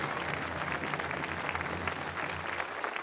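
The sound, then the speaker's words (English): A large audience claps steadily for the Governor General, a dense wash of overlapping handclaps holding at a constant level for a few seconds, with no voices breaking through. “We begin, and let's give her applause.”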